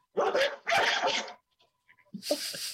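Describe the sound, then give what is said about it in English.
A dog barks loudly: two harsh, quick barks, a short pause with faint small noises, then another bark. No one speaks. “I'm gonna let the dog out.”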